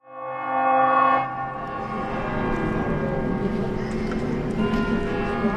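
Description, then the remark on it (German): A train horn sounds with steady tones for about a second, then gives way to a continuous rumbling roar of a train rolling past at Ljubljana railway station in Slovenia, on a cool January day with a little snow melting, loud, with no talking. “Ein bisschen Schnee taut langsam vor dem Bahnhofsgebäude von Ljubljana.”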